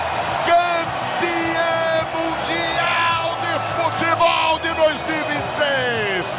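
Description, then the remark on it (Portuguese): Spanish football fans in red cheer loudly and steadily as Rodri lifts the World Cup trophy for Spain at MetLife Stadium, New Jersey, USA, a dense roar of many voices with whoops and shouts, while a commentator talks excitedly over the crowd. “É uma festa linda na torcida espanhola.”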